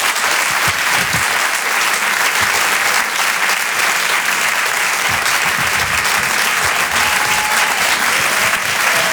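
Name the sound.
audience applause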